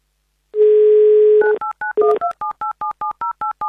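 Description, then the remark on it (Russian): A steady dial tone holds for about a second, then a quick run of beeping touch-tone keypresses follows as the radio station Avtoradio calls a listener in Perm Krai, each short two-pitch beep evenly spaced in a brisk rhythm, loud and clear with no voices. “Пока же давайте-ка мы позвоним Дмитрию в Пермский край”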